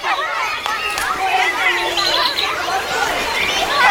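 Many voices chattering at once in an open outdoor space, a steady busy babble with no single voice standing out, holding at an even level throughout.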